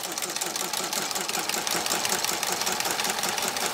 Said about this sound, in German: Die Schiffschaukeln. Und alles angetrieben vom Dampf dieser Maschine. Ja. Das ist eine Doppelwirkung. Eine Zweizylindermaschine.